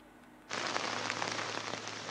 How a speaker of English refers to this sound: the heavy downpour has just begun here in Nashik from Trambakeshwar.